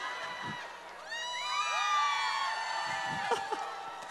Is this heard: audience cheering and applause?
yes